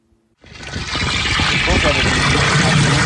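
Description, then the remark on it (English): Water gushes steadily into a 5-gallon bucket being filled at the village water treatment plant in Ambler. It starts abruptly after a brief quiet moment and builds to a loud, continuous splashing pour. “He fills up 5-gallon buckets of water at the Village of Ambler's water treatment plant and hauls them home for his family of nine.”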